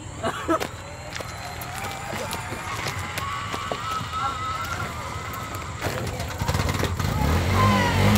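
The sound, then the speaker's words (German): A tuk-tuk's small engine sputters and then catches near the end after being push-started, its low, uneven chugging rising into a steady rumble over broad outdoor noise. “Endlich! Der Motor läuft wieder.”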